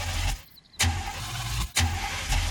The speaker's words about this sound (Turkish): Motorumla ilgilenebilirsin. Bu benim hoşuma bile gider. Neyse hadi çalıştır bakalım.